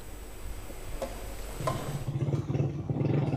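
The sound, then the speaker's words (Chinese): A motorcycle carrying a reporter toward La Guaira state, Venezuela, drones steadily past earthquake-damaged buildings. Its low rumble grows louder and choppier partway through, with brief clicks and rattles over continuous road and wind noise. “27号，总台记者乘坐摩托车向着拉瓜伊拉州行进，一路上能够看到有大量建筑物因地震受损，还能看到一些军车、救援车辆也在前往重灾区。”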